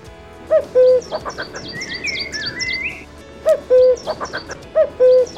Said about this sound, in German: Ja, und auch ihn hört man derzeit oft, wenn man im Wald unterwegs ist. Den Kuckuck.